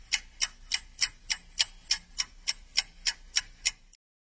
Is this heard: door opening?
no